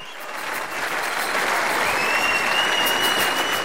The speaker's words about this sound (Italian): Ci sono gli applausi, musica dal vivo